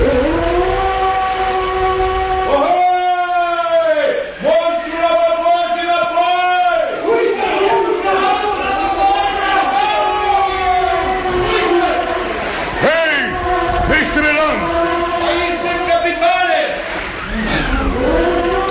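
A whale bellows loudly, deep moaning calls swelling and bending in pitch, repeating in long overlapping waves for nearly twenty seconds.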